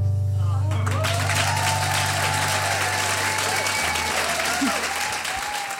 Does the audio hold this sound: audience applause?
yes